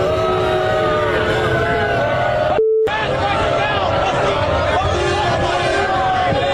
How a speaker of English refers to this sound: Donald Trump being lustily booed when he arrived at the venue tonight in New York.